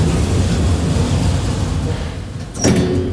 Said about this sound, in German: In einem verglasten Aufzug geht es 36 Meter in die Höhe.